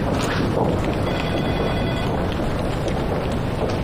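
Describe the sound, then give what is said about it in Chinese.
A telephone rings as a call is placed, sounding through a steady wash of loud background noise, the tone fairly faint and held for about a second before fading under the din. No one speaks. “我给他打个电话吧。”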